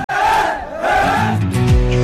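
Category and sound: crowd, football fans chanting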